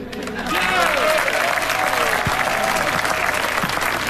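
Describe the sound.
An audience breaks into sustained applause for two people on a Vivacité radio show, rising quickly and holding steady as dense, loud clapping with a few voices and cheers mixed in.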